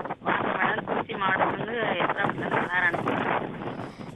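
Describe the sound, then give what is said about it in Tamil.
A caller's voice, phoning in from Esanapatti, comes through a narrow phone line, nearly drowned by loud, steady wind roaring and buffeting the microphone for the whole stretch. “பயங்கரமா காத்து வீசுது.”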